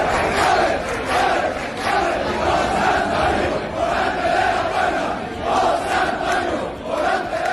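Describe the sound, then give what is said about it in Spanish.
A large crowd cheers and roars loudly and continuously in the streets of Seville on Thursday night, after Morante de la Puebla opened the Puerta del Príncipe for the third time. Swelling waves of shouting and chant-like voices rise and fall every second or so. No individual speech stands out. “Vamos a escuchar cómo sonaba Sevilla la noche del jueves.”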